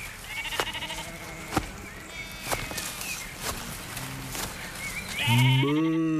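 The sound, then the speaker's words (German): Sheep bleat repeatedly in a farmyard, among them a grey sheep with shaggy, partly matted wool, with a loud bleat near the end amid several quieter calls and occasional sharp clicks or knocks in the background. “Als die beiden zur Buche mit den roten Blättern kommen, sehen sie ein graues Schaf mit zotteligem Fell.”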